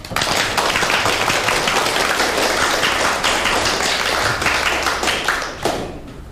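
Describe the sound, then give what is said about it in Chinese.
A crowd breaks into warm, sustained applause, a dense wash of many hands clapping at a steady level before it tapers off near the end, welcoming a professor who has come to give a lecture at a factory. No one speaks over it. “现在大家就以热烈的掌声欢迎叶教授。”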